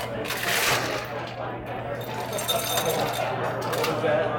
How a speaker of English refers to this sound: So now you put some ice into the glass. Okay, ice in the glass.